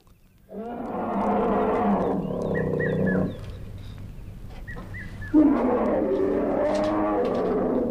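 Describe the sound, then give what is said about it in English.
Elephants rumble and bellow loudly in two long, harmonic calls, with short trumpeting squeals in between, recorded outdoors against steady background ambience, from the Nonesuch Explorer album. “We're listening to the sounds of elephants.”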